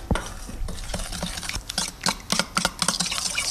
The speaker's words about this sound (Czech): Úplně nakonec se perníčky ještě potřebují rumovou polevou. Na tu polevu potřebujeme moučkový cukr, přidáme tuzemák, trochu vody, promícháme.